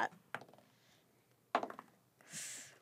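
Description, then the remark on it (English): Dice are rolled for dexterity saving throws in a tabletop role-playing game, clattering across a hard tabletop in a few quick bursts of sharp clicks and rattles, fading between impacts, then a brief soft rushing swell at the end. No voices. “The dice are being rolled.”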